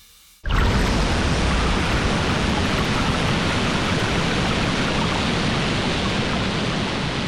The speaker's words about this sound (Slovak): To bolo zalievanie kávy. Áno. Takto počujú bežné zvuky deti s autizmom, ktoré sú hypersenzitívne.